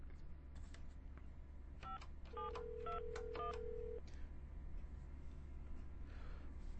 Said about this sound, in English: All right, let me turn that down for a second and dial her number. Live radio.